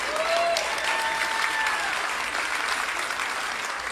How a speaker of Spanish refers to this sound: Ese aplauso fue de ópera.